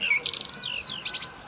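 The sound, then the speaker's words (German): A whistle blown by children, giving shrill, bird-like chirps: a quick trill of rapid notes, then sweeping warbling tones, fairly loud with no talking. “Kinder, könnt ihr bitte mit der Pfeife etwas leiser sein?”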